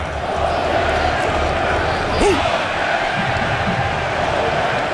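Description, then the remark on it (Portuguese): A large stadium crowd of Norway supporters roars steadily and loudly throughout after Norway scores to lead 2-1 late in a football match, a dense wall of cheering voices with scattered shouts rising from the mass. “2-1, Noruega, para a alegria dessa torcida que você está ouvindo aí.”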